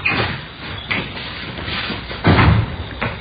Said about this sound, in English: Here, I'll get the door.